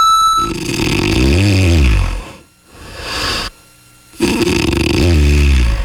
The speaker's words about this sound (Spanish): Ahí está el ronquido. Ahí está el ronquido. Ya, ¿para qué te lo pongo aquí, verdad? Si ya sabes de qué se trata. Ya sabes cómo se... No, y ese estaba moderadito.